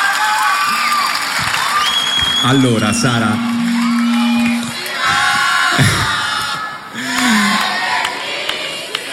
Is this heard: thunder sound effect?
no